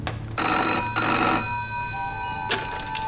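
A telephone bell rings in two bursts of bright, high metallic trilling, with a steady tone lingering afterward and a brief click near the end; no voices are heard.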